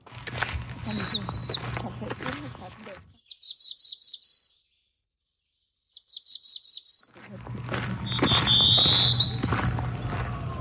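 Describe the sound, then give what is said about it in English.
A black-throated blue warbler sings its buzzy, rising song about four times, clear; the middle phrases stand alone in silence while the outer ones sit over low outdoor background rumble. “Well, since there was two warblers, I'm gonna insert here the buzzy sound of the black-throated blue.”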